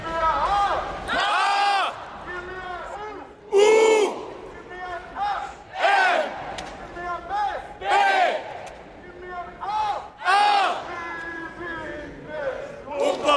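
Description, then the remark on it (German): A crowd of voices chants and shouts together in loud, rhythmic bursts, swelling every couple of seconds, with cheering and yelling between the chants, as players and fans celebrate together in the stand after a match. “Nach dem Spiel haben die Spieler das zusammen mit den Fans in der Kurve gefeiert.”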